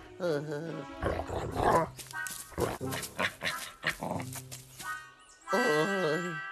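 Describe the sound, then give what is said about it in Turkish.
A dog barks and growls, loud and agitated, with a run of sharp bursts in the middle and drawn-out, wavering vocal sounds at the start and end. “Şu köpekten korusun beni tabii.”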